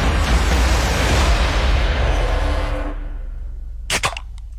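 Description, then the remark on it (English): A soft drink can cracks open with a sharp, brief pop and hiss near the end, following several seconds of loud, steady rushing noise; no one speaks. “Oh, it was a softy.”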